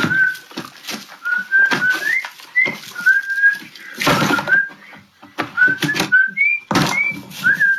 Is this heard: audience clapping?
no